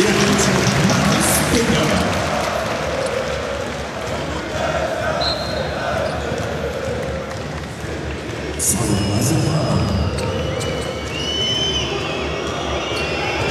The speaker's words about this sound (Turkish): Alkışlar Nicolò Melli için.